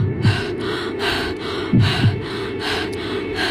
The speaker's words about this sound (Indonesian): Nafas gue naik turun.